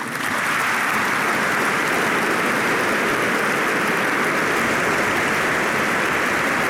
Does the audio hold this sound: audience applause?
yes